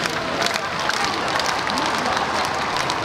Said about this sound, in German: Hunderttausende Menschen säumen die Champs-Élysées, jubeln dem Papst mit Vatikan- oder Frankreich-Fahnen zu, als er im offenen Papamobil die Straße entlang fährt. Immer wieder stimmen sie Sprechchöre an oder applaudieren.